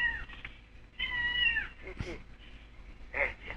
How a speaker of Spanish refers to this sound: Otra vez el gato.